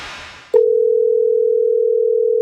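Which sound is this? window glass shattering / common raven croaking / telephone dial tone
telephone dial tone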